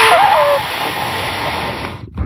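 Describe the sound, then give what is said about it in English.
A dog sniffing in a steady, breathy hiss that runs for about two seconds, with a brief high whine at the start. It cuts off, followed by a short low thump. No one speaks. “This is what it sounds like when those who are subservient to Rod Bray sniff his butt.”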